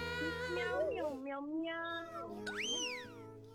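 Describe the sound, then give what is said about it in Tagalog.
A cat meows several times in drawn-out, wavering cries, one rising sharply into a high squeal near the end; fairly loud against a low steady hum. “Meow, meow.”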